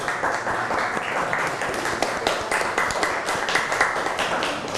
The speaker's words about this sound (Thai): เก่งมากเลยปรบมือให้ตัวเองก่อน